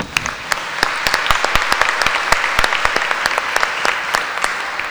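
A crowd applauds steadily, many hands clapping in a dense, bright patter with sharper individual claps popping out irregularly, holding a fairly even loudness throughout with no voices over it.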